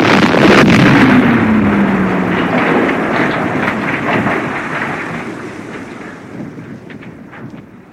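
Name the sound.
explosion sound effect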